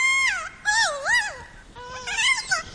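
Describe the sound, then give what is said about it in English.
A captive kea's warbling play call: three rising and falling, high-pitched wavering phrases, each swooping up and down in a bright, musical trill, with no voices present. “They recorded captive kias making those warbling calls, then traveled to New Zealand where they played the recordings for wild kias.”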